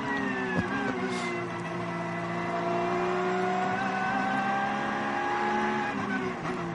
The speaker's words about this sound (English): That's the leading car just gone by.